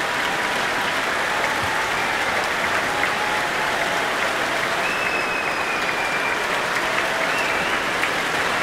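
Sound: concert audience applause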